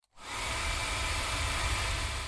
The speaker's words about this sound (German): Wenn ihr den Föhn so haltet, dass er im rechten Winkel am Mikrofon vorbeibläst, hört sich das dann so an.